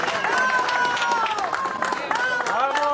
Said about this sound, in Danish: Her bliver der klappet, da redningsarbejdere kommer ud med en overlevende i hovedstaden Caracas.